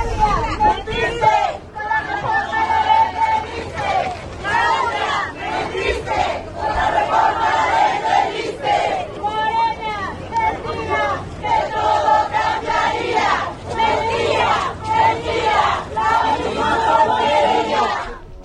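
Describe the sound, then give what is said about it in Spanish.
A large crowd of CNTE Section 22 teachers in Oaxaca blocks the path of the president, shouting and chanting continuously in loud, overlapping voices, with rhythmic bursts of yelling rising and falling in waves, angry protest cries directed at her. “La misma porquería, así le gritaban a la presidenta.”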